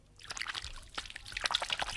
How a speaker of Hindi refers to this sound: मैंने थोड़ा पानी भर रखा है। चलो मैं देती हूँ पानी, तुम हाथ धो लो। हाँ, ये लो पानी।